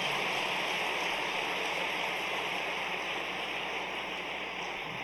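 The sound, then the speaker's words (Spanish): A church audience applauds to the Lord during a sermon in a dense, steady wash of clapping that holds at an even loudness for about five seconds, with no voices heard over it. “Le das aplausos al Señor.”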